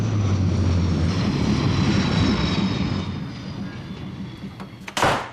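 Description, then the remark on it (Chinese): A military airplane, sent to fly a patient to Rongzong (Veterans General) Hospital for emergency treatment, drones in a loud, steady roar with a low hum, easing off slightly partway through before a sharp burst of noise near the end. “古正文大为光火，马上派军用飞机将朱峰送到荣总医院抢救。”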